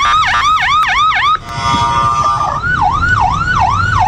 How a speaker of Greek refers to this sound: Συναγερμός στο κεντρικό Ισραήλ.